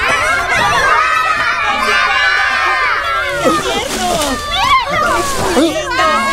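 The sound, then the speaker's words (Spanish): A crowd of many children shouting and squealing at once, their high-pitched voices overlapping in a loud, continuous din with excited rising and falling cries. “¿De dónde vienen tantos niños?”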